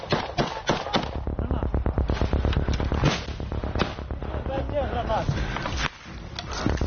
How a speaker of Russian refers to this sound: Идет стрельба над головами и из-за спин своих товарищей. Конечно, этого делать не стоит.